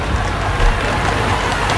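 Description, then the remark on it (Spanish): A large crowd applauds steadily at the arrival of the King and Queen at the military parade for Spain's National Day, on a sunny day: a dense, continuous wash of clapping with no pauses, fairly loud and filling the whole moment. “Muchos aplausos a la llegada de los Reyes”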